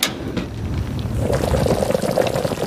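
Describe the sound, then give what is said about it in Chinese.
Vinegar pours in a steady, gurgling stream for a few seconds, a continuous liquid splash with a faint sizzle beneath it and no voices. “这是什么？ 醋。”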